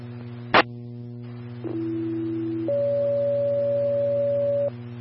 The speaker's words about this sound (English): I believe you accidentally set off the west zone tones instead of the south zone for that last call.